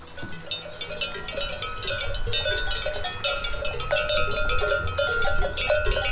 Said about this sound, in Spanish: El sonido también que tiene que ver con el entorno, pero claro, depende a qué hora o depende en qué momento. Bueno, pues puede molestar un poco. Un concierto de cencerros.